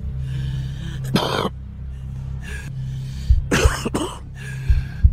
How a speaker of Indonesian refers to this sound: Batuk seorang perokok tidak hanya menandakan rusaknya paru-paru. Batuk seorang perokok adalah tanda rusaknya seluruh tubuh.